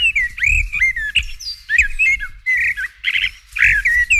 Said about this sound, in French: Je me suis demandé quel oiseau ça pouvait être pour chanter ce genre de choses. J'ai pensé à un merle ou à une fauvette, qui sont des oiseaux qui vraiment inventent des mélodies lorsqu'ils chantent.